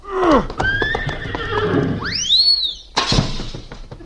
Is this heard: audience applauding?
no